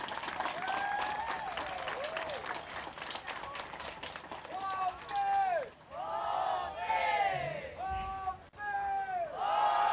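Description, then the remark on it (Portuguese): A large crowd bursts into sustained applause for Inhambane, with dense, rapid clapping, joined by loud cheering and high whistling voices that rise and fall throughout, filling the space from start to finish. “Palmas para Inhamban!”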